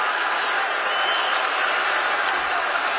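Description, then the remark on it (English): A large stadium crowd roars with displeasure at the end of the first half of a Colts vs Chiefs football game, with the Colts leading 20–17. The dense, unbroken wash of voices holds steady and loud throughout, with no single voice standing out. “The crowd is angry.”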